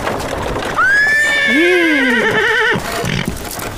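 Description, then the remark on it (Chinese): A horse hitched to a cart lets out one loud, drawn-out whinny that rises sharply, then trembles and wavers in pitch for about two seconds before cutting off, leaving low background noise. “爹，马车拉来了。”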